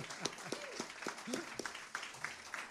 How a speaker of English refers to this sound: I want to thank these guys. I want you guys to give them a round of applause. Hey, yeah, help them out here.